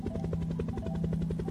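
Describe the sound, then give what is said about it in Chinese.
A helicopter flying across the sky, heard from a balcony; its rotor chops steadily and rapidly, a loud continuous low thudding with a droning engine hum underneath, overhead with no voices present. “你看，有一架直升机飞过天空。”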